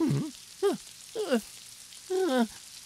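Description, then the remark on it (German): Steady rain hisses throughout, with four short, warbling vocal calls rising and falling over it at irregular intervals. “Und ich glaube, ich brauche jetzt wohl dringend einen Regenschirm.”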